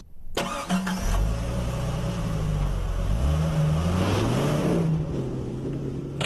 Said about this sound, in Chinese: 待会儿呢，我开着这辆车会以每小时30公里的速度往前开过去，我在见到这个塑料模型的第一时间就会急踩刹车，试验的目的要看一看能不能够在到达那个塑料模型的所在位置之前，我的车就停下来。